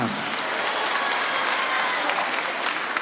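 A large audience claps steadily and continuously to applaud the Lord, a dense, loud wash of applause lasting the whole few seconds with no break.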